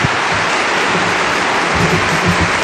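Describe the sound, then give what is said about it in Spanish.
A crowd at UNESCO applauds steadily during the Pope's visit, the clapping blending into a dense, even wash of sound that holds at the same loudness throughout, with no voices breaking through. “La gente aplaude complacida.”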